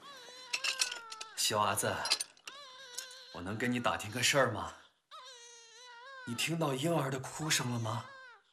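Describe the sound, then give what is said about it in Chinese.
A baby cries weakly in thin, high, wavering wails that come in several drawn-out bursts, with voices talking over parts of the crying. “你听到婴儿的哭声了吗？ 快把饭菜取走，我把桶丢上来了。 那个哭声好虚弱，肯定是生病了”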